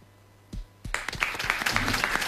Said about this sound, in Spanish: Primero que nada, para seguir la consigna de Barilli, vamos a aplaudir al capitán de la selección nacional.